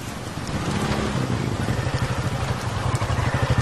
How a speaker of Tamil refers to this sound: இந்த ராத்திரி நேரத்துல இந்த மழையில மாட்டிக்கிட்டனே.